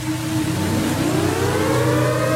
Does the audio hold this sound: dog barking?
no